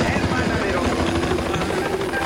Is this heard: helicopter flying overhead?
yes